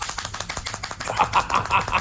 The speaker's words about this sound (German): Das sieht süß aus, klingt aber wie eine Baustelle auf Koffein. Das macht so ein Geräusch, das Freundschaften zerstören kann, glaube ich. Diese WM-Hände, kennt ihr die man so festhält und dann rechts und links damit so...